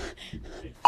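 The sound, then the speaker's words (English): A phone notification beep, received by everyone present at 1:59 and 50 seconds, sounds abruptly at the end: a loud, steady electronic tone that cuts in after a stretch of quiet murmuring voices and background noise. “This is 1:59 and 50 seconds, just before we all received the notification.”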